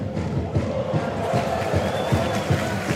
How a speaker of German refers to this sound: Und direkt ist wieder da mit Sachse ein Viktoria-Spieler dazwischen, lenkt den Ball ins Aus, gibt direkt Applaus, wenn jemand da so aggressiv in den Duellen ist.